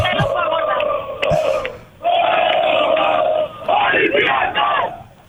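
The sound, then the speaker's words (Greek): A large festive crowd of Olympiacos fans at the cafés of Pasalimani in Piraeus, Greece, with screens set out and covered against the rain, sings and chants together loudly, voices merging into a sustained, rousing roar with rising and falling phrases and bursts of cheering. “Ακούτε το κλίμα, πανηγύρι από τώρα. Πανηγύρι τραγούδι.”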